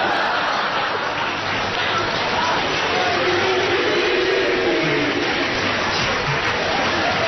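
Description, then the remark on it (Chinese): Sustained applause from an audience fills the whole stretch, a dense, steady wash of clapping at an even loudness with no break, heard on its own. “掌声，别谢谢。”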